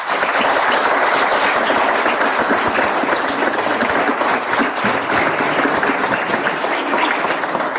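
A church audience bursts into steady, sustained applause welcoming two new members into the church, a dense wash of many hands clapping at an even loudness for several seconds with no voices standing out.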